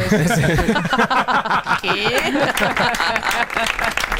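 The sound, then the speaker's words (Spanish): Loud, steady applause fills the whole stretch, a dense patter of many hands clapping, with voices and some laughter rising over it. “Vale, me aplaudo a mí mismo también.”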